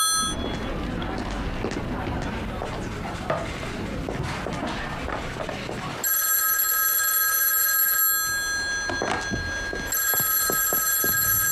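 A telephone rings loudly in two bursts with a pause between, after a stretch of clattering dishes and kitchen noise.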